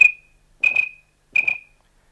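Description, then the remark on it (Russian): A whistled imitation of a bird's call, made with a pipe or the lips to lure the bird: three short, shrill, high-pitched bursts, the last two each doubled, evenly spaced with brief ringing tails and no talking. “Иногда удается подманить птицу дудочкой или губами, подражая ее же свисту.”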